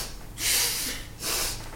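Two drawn-out, airy sniffles follow one another closely, each a breathy nasal inhale, fairly soft, with no talking around them.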